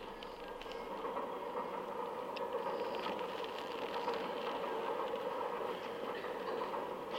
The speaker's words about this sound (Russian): Купе вагона в поезде Москва-Одесса.